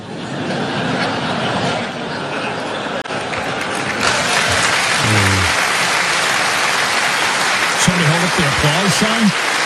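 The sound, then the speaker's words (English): A large audience applauds steadily for about ten seconds after a joke in a speech by King Charles, a dense wash of clapping that swells slightly midway, with a few brief voices and chuckles rising above it near the end. “Applause”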